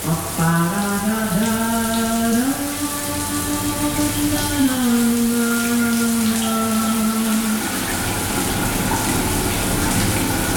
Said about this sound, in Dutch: Het douchegordijn dat zal gaan sluiten voor de opgave van deze vrijdagochtend. En dan gaat de kraan stromen en dan moeten we even goed luisteren.